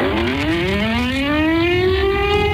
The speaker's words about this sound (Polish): Przejmujący, ale jednocześnie symboliczny i ważny dźwięk syren co roku wybrzmiewający w godzinie W, czyli o 17:00 i przypominający o rocznicy wybuchu Powstania Warszawskiego.